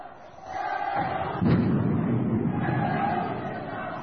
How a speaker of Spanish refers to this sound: Mira, les rompen la puerta. No solo que le abrieron. ¿Qué querían? Vandalizar. Ahí está, le sacan la puerta al negocio para hacer una especie de barricada. Un local comercial.